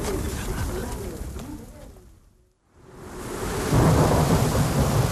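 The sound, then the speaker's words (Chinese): Steady rain from days of heavy rainfall in Lankao hisses with deep, rolling thunder rumbling underneath; the storm fades out to near silence midway, then swells back up louder and fuller. “这些天连着下雨，你们赵堕楼老得厉害吗？”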